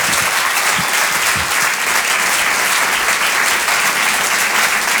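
A live audience on Rire et Chanson applauds comedian Julie Bargeton steadily and loudly for about five seconds, a dense wash of clapping hands with no pauses and no voices standing out.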